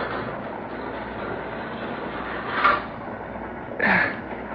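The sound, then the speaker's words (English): A heavy metal boxcar door slides and bangs shut over the steady rumble of a moving train, with two short metallic bursts, the second louder and carrying a brief scraping squeal. “Yep, better close the door.”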